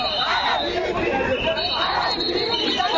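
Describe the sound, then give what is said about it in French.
A dense crowd of former contract workers protesting unpaid salaries roars and chatters continuously in front of the offices of the Instituts nationaux de la recherche et de l'animation pédagogique (INRAP), many voices overlapping at a steady, loud level, with shouts, chants and high whistles threading through the din. “Le son des sifflets, des cris et des chants a résonné devant les bureaux des Instituts nationaux de la recherche et de l'animation pédagogique générale.”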